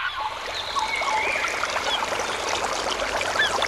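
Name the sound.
babbling stream water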